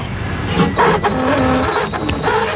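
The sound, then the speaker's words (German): A receipt printer runs in short mechanical bursts, a whirring, buzzing feed with sharp stops and restarts, steady and fairly loud, with no one speaking over it. “Ich überlege noch, was ich mit diesem wunderschönen Bon hier mache.”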